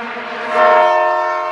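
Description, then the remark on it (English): A train horn blares in a single sustained, rich chord that swells louder midway and holds steady, with a faint rumble of rail movement beneath and no voices. “Chukutaka, chukutaka, like a train, y'all.”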